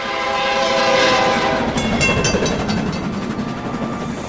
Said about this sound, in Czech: Najednou mostem zatřásl ohlušující řev. Plnou rychlostí se na ně valil vlak.